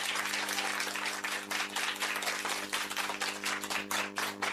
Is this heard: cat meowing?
no